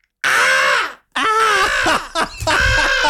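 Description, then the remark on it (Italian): A person gives a loud impression of a crow, letting out three harsh, raspy caws in a row, separated by brief pauses, with no other sounds around. “Vuoi un altro talento inutile? So dai. Fare il corvo, aspetta.”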